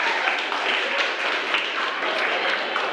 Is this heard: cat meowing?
no